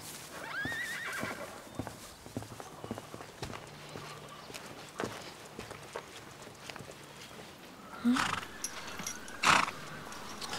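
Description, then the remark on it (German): A horse whinnies, with a loud, high neigh near the end, over a steady background of hooves clopping and shuffling. No one speaks. “Tja, wir haben ein Problem mit unseren Pferden.”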